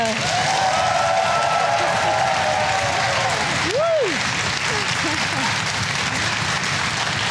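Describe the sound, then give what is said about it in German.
Sustained, dense applause from a large audience welcoming a guest fills the whole stretch at a steady, loud level, with a brief whooping cheer rising and falling midway through. “Vielen Dank für den warmen Applaus.”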